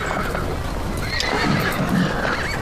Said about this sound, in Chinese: 驴